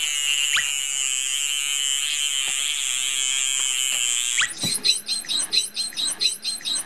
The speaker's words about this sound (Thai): รูจมูกตรงนั้นนะฮะตรงที่มีฟองๆอยู่นะครับนะฮะเป็นเสียงเราจะเห็นได้ว่าเสียงของโลมาเสียงจะเบากว่าจะเล็กกว่าคล้ายๆเสียงนกนะครับแต่ของโลมาพันหัวบาดนะฮะเสียงเขาจะดัง